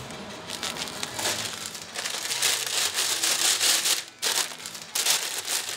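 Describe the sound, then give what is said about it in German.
Steady crinkling and rustling of a plastic bag holding Mettbrötchen (minced pork rolls) with onions as it is twisted shut, fairly loud, with a brief pause near the end before the crackling resumes. No one speaks. “Ja, auch so eine Marotte von mir, Tüten ordentlich zudrehen.”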